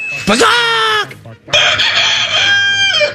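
A rooster crows twice in quick succession, each call loud, rising sharply then holding a long, strained note before dropping off at the end.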